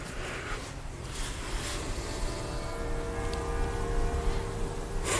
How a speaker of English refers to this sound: That's the bells of the church you're hearing through the opening. It's the city hall. It's the bells of the city hall.